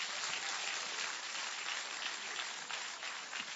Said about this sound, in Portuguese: Mas como que nós vamos receber a ela? Com frio ou com palmas? Com tristeza ou com alegria? Com palmas para Jesus.